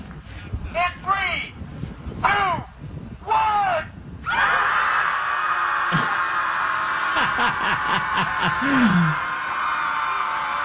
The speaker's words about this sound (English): He said, I just walked past the Chicago Scream Club. They meet once a week to scream into the lake and relieve stress.